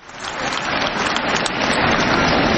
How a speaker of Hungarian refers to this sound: És amikor ilyen halkan tapsoltok, lehet, hogy azért esik nehezetekre hangosan tapsolni, mert talán ti is beleestek ebbe a kategóriába.